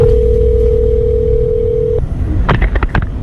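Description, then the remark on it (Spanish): A steady, mid-pitched telephone ringing tone of a neighbour's call to the 112 emergency line in Asturias holds for about two seconds over a low background rumble, then cuts off, followed by a few brief voice-like sounds. “Esta llamada que realizó este vecino al 112 la tenemos y la vamos a escuchar.”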